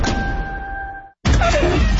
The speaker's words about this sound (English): That sound? That's your wipers telling you it's time for a change.